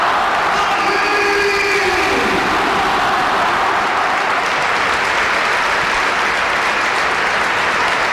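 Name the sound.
football stadium crowd applauding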